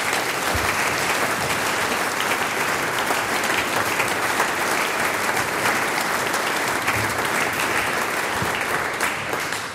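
An audience at the Steirisches Sänger- und Musikantentreffen applauds the a band steadily for about ten seconds, a dense, even wash of many hands clapping at a fairly loud, constant level with no voices over it.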